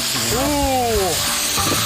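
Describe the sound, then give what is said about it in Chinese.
Ginger, scallions and huangjing (Solomon's seal root) sizzle in a hot wok, a steady, dense crackling hiss. A brief wordless vocal sound rises and fades over it near the start. “现在我们下了这个姜、葱、黄精啊，这黄精也是炝锅的一个好东西啊。”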